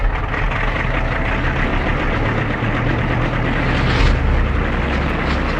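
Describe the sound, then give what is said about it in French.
An aircraft engine runs loudly and steadily before takeoff at 1 a.m. on a full-moon night, a dense rumbling drone with a low throb, swelling briefly toward the end. No voices. “À 1h du matin, par cette nuit de pleine lune, il est temps de décoller.”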